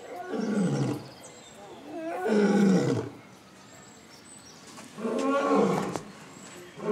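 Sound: lion roaring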